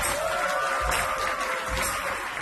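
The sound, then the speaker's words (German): Steady applause from an audience, dense clapping at an even, sustained level with a few louder bursts, as the performers of a stage piece based on the Nigerian novel Die Geschichte unseres Hauses are called out after the show. “Applaus!”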